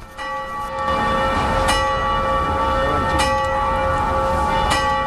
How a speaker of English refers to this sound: Just as she finishes explaining, the clock strikes noon, the one time that the clock rings during the day, for roughly 10 minutes. Except instead of angels ringing the bells, it's workers.